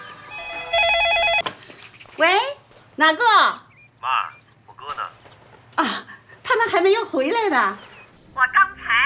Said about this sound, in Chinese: 电话， 快快电话！